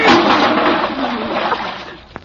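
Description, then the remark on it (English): A bucket of water that had been put up high tips down all at once: a loud, broad rush of water splashing, sloshing and spattering for about two seconds before fading, with a brief sharp clatter near the end. “who put that water bucket up there?”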